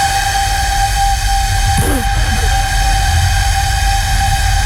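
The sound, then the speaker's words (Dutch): A flautist blows a 600-year-old medieval flute, once excavated at a castle and kept in Dordrecht, as a warm-up: one long, steady note held evenly for several seconds, loud with a slightly breathy edge and no talking. “Dit is een persoon die blaast op de fluit van 600 jaar oud.”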